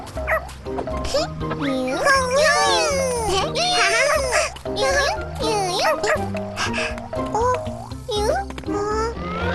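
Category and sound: animal, puppy barking and whimpering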